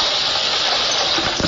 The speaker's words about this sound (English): September 4th, 10 a.m., 44 degrees Fahrenheit. Rain, drizzly rain. Can you hear it?